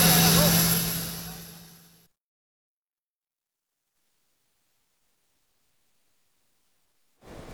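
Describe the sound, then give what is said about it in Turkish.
Turkish Air Force combat and support aircraft on a training flight over the south of the island roar loudly overhead with a steady engine whine, fading away over about two seconds, followed by silence and a brief burst of noise at the very end. “Rum kesimine yönelik mesaj niteliği taşıyan uçuşta muharip ve destek uçakları birlikte boy gösterdi.”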